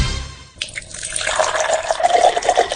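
Water pours steadily into a container in an advert for Agua Mi Soda table water, a bright splashing stream with a rising gurgle as it fills, preceded by a brief low rumble at the start.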